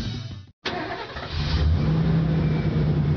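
After a brief silence, a truck engine turns over and roars to life, then revs loudly and holds a deep, steady rumble. No one speaks.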